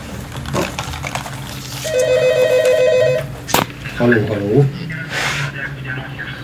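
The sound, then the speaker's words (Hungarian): A telephone rings in a bright, rapidly warbling burst lasting about a second and a half, clearly heard under and between bits of talking. “Telefon.”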